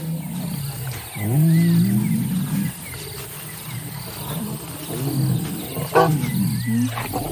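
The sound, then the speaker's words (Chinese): Deep, rumbling lion roars and growls come in a few drawn-out bursts, with a steady high insect chirring running underneath throughout. No one speaks. “穆迪本能地冲上前去，想要守住自己正在追求的母狮。当他看清来者是自己的兄弟时，他的态度立刻发生了转变。”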